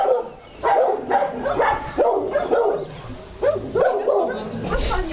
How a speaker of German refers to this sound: Da könnte es jetzt gleich ein bisschen laut werden, wenn die Hunde alle anfangen zu bellen. Das sind unsere Hundeausläufe.